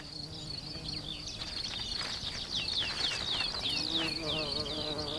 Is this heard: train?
no